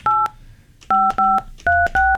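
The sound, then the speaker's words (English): Five short touch-tone beeps from a phone keypad being dialed to call an 18-year-old, each a clear dual-pitched tone with brief gaps in between, fairly loud with no one speaking. “So we're going to see if they pick up the phone.”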